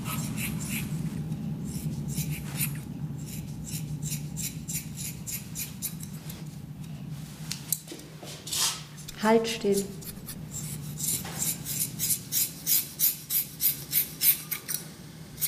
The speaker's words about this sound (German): Es war so lieblos, dieses Kratzen von der Schere, das furchtbare Geräusch und dieses Wegwerfen der abgeschnittenen Haare, ne? Als wenn das Müll wäre.